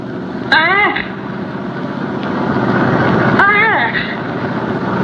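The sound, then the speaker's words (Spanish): A steady race car engine rumble runs throughout, broken by two loud, whining revs that sweep downward, one early and one near the end, like a fast car roaring past. “El Mach 5. Son ellos.”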